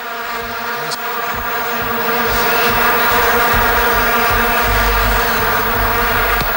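A steady, high-pitched buzzing drone hums continuously, close and loud, growing slightly stronger after the first second and holding level to the end with no voices.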